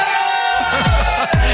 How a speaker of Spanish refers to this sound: le pido a la gente de León que pegue un grito